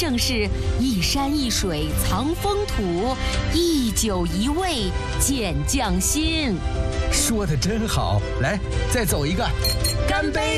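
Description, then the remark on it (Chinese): A few bright glass clinks ring out as wine glasses of Ningxia red wine, from the eastern foothills of Helan Mountain, are tapped together in a toast, heard beneath steady, lively voices that carry on throughout. “说得真好，来再走一个，干杯！”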